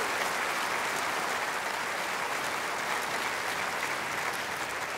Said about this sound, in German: Allein schon in meinem Orchester haben wir 17 Nationalitäten. Ja, dafür können wir klatschen.